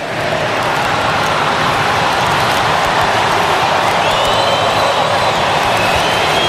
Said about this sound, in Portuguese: Dá pra gente ouvir de fundo a torcida, Bruno, do Palmeiras cantando, escuta aí, ó, no Mangueirão.